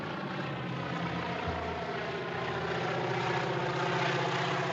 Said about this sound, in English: And then, of course, he sees this little plane appearing in the distance, you know, dusting crops. And you realize that the plane is there to kill him.